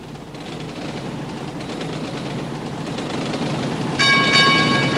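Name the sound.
train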